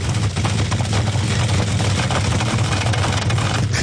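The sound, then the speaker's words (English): A car engine idles, its exhaust burbling with a loose, rapid, flatulent sputter layered over a steady low rumble, continuous and fairly loud throughout. “It sounds like a whoopee cushion is attached to your car.”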